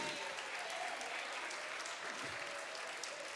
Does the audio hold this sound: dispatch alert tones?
no